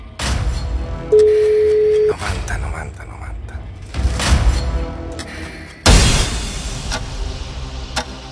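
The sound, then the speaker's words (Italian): A single steady telephone ringback tone sounds for about a second on an outgoing call from a radio game to a listener's mobile phone, set among busy broadcast noise with a few loud, sharp bursts afterward. “Se squilla il vostro cellulare siamo noi.”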